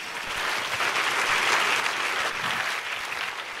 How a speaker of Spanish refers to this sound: Si ese es el aplauso, si ese es el aplauso.